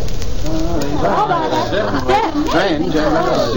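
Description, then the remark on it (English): A steady murmur of many overlapping voices from the crowd at an art auction in a large house in the suburbs of London. The lively chatter has no single speaker standing out and holds at an even, fairly loud level throughout. “We've got quite a crowd here today.”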